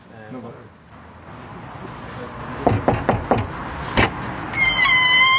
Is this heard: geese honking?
no